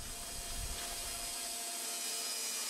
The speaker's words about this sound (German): Danach zeichnet er die Bohlen ein und startet die Säge.